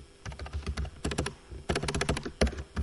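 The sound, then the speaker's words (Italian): Rapid, uneven bursts of clacking keystrokes on a computer keyboard, fairly loud, with brief pauses between flurries and no voices. “Porco Dio, tastiera di merda.”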